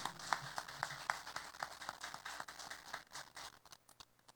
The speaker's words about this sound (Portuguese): Saldanha Marinho e Colorado muito bem representados. Uma salva de palmas para essa corte.